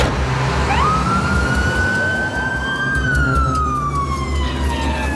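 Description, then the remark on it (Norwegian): A fire engine's siren wails as all available crew respond to the harbour, rising to a long held tone and then slowly sliding down, over a steady rumble of engine and road noise. No one speaks. “Alt tilgjengelig mannskap rykker ut til havna.”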